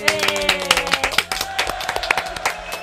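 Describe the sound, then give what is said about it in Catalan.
Loud, steady applause from an audience at the final of the youth contest No venim amb manual, dense overlapping claps with sharp bursts throughout, over a sustained musical tone running underneath. “Fort aplaudiment.”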